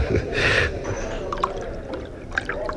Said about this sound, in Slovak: Nalejme si, doktor.